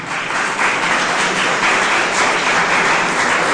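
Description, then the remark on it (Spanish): An audience breaks into sustained applause, a dense, steady wash of many hands clapping at once, loud and continuous throughout with no voices standing out. “Denle un aplauso poderoso.”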